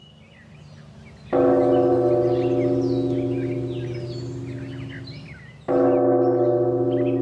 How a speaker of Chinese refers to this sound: 今天是谁撞的钟啊？ 方丈，是昨天才来的小沙弥。